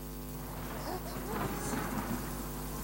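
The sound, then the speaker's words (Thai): A steady wash of rain and wind pours down with a low, rumbling storm beneath it, broad and continuous throughout, with a few brief swells of intensity and no voices. “รออีกนิดเดี๋ยวฝนและลมก็จะหยุดแล้วฝนและลมพัดผ่านมาแล้วก็ผ่านไปหากเจ้าอดทนได้ฝนจะทำให้เจ้าเติบโตและแข็งแรง”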